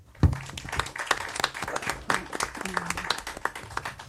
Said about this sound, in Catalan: Molt bé, això són aplaudiments, vol dir que tenim públic.